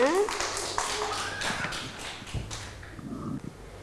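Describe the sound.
A scattered patter of children's clapping in class for a child's Christmas tree artwork, quick irregular claps that thin out toward the end, with voices chattering over them.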